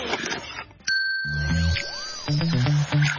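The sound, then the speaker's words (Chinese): A single bright metallic gong strike rings out loudly with a long shimmering sustain, soon joined by a punchy rhythmic drum beat underneath, in a jingle for a new-song recommendation segment on RTHK Radio 5 in Hong Kong; no one speaks. “锣鼓响啊，想点就点”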